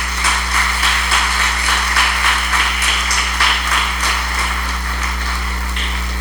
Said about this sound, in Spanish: ¿Por qué no le da un fuerte aplauso a nuestro Señor Jesucristo?